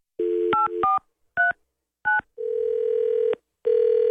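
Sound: telephone dialing and ringing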